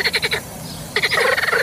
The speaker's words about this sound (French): Alors, sachez-le, c'est le coassement des grenouilles. Eh bien, ce coassement peut être considéré comme du tapage nocturne.